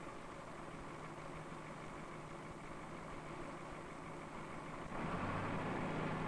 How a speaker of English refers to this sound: Harry starts the machine in order to judge the problem. While he waits for the engine to warm